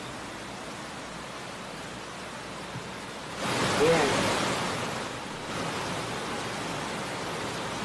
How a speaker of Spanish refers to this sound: Ahí están las situaciones de las crecidas de los ríos y las quebradas en Echandía y en Las Naves. Un caudal envidiable para las hidroeléctricas. A ver, miren, escuchen.